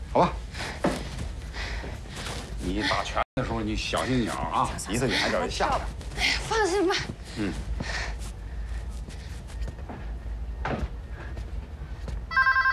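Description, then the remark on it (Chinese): A telephone rings in repeated bursts amid lively, overlapping talk and household noise, the ringing steady until it cuts off near the end. “喂，你好，找谁？”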